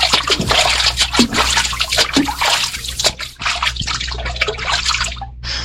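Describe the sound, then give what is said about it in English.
Water splashes and sloshes steadily as someone wades through a cold river among bulrushes to reach a basket, with irregular splatters and drips over a low background rumble, no voices. “Out there in the bulrushes, see? A basket. Oh, go see what's in it.”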